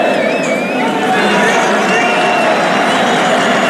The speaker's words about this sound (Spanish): Sacó este aplauso